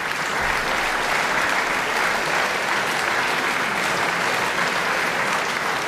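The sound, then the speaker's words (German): Enthusiastic applause in the small Beethoven Hall in Bonn-Muffendorf for pianist Fabian Müller on 19 September, after his Beethoven Hammerklavier Sonata at the Beethovenfest Bonn; a dense, steady wash of many hands clapping at an even loudness throughout, with no voices rising above it. “Begeisterter Beifall in der kleinen Beethoven-Halle in Bonn-Muffendorf.”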